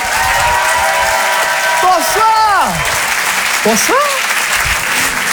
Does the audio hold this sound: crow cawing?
no